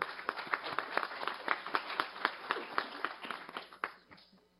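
A round of applause from a crowd honoring a woman recognized for her work in the institutional and government relations of Hospital Esperança de Presidente Prudente, with dense overlapping claps and sharper individual hand strikes standing out in a steady rhythm, fading out near the end.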